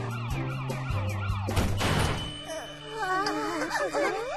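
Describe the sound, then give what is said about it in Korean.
A police car siren wails as the car approaches, with rising and falling sweeps in the second half, loud, following a sudden noisy burst and some sustained musical tones at the start. “신고도 안 했는데 벌써 경찰차가 온다고?”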